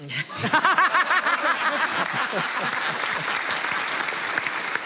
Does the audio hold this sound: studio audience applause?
yes